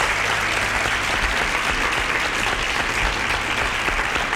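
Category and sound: crowd, applause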